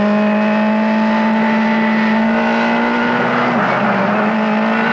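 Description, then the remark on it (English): A car engine drones loudly and steadily, its tone holding firm with a brief dip and recovery near the end. The car is speeding up after its computer was hacked, with brakes that don't work, heading towards an edge. “We're speeding up.”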